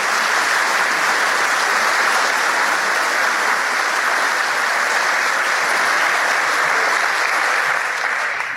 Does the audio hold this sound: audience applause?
yes